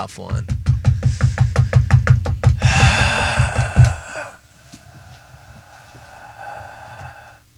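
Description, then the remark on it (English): A rapid series of sharp wooden knocks as a person knocks on an object like a gavel, struck repeatedly in quick rhythm for about four seconds, loud, then fading into quieter background murmur. “I was more so I was knocking a thing, but I'll do the gavel a thing.”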